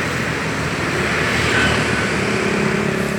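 A steady, dense roar of smoothly flowing road traffic rushing past on a bridge by the Tuntang River near Pilang Wetan, a continuous wash of engine and tyre noise at moderate loudness with a faint whine rising briefly midway; no one speaks.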